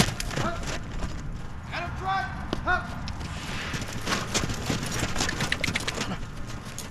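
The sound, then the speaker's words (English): Hooves of several police horses clip-clop steadily on hard ground as officers train with them in Cleveland, a continuous walking rhythm, with a few higher tonal calls or whistles mixed in briefly. “Officers and their horses training in Cleveland.”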